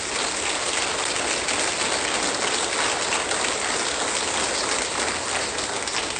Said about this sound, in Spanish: Amén. Suelte un fuerte aplauso.